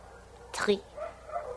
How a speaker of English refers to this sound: Here, from the roof, you can see all of Tangier. Amazing. Those dogs down there, are they that loud every night, Countess?